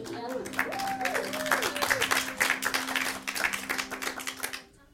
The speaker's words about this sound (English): Can we give ourselves a round of applause, the folks that are here?